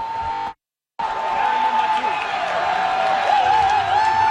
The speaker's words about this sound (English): And the cheering hasn't really stopped since then. This is only Canada's second ever World Cup goal, and it comes in the second game played ever in this country. Thousands here taking it in, and now the crowd is just waiting.